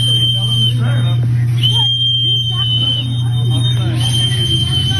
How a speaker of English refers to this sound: People that don't like ICE carry these whistles around, but they don't have the strength to blow the whistle really loud. You can hear her like petering out with the whistle.